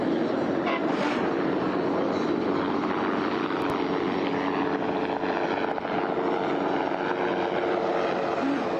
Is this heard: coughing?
no